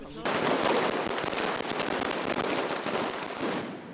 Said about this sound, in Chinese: 与此同时，西班牙马德里也爆发劳工游行，抗议者燃放鞭炮及红色信号弹，高喊工人阶级万岁等口号穿过街道。